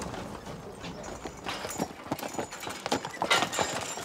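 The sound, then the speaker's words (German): Hooves of three horses clip-clop in an uneven, shuffling rhythm, mixed with clanks and rattles of a trailer and harness as the horses back the trailer up to park it, building slightly louder toward the end. “Rückwärts einparken, mit Hänger und 3 Pferden.”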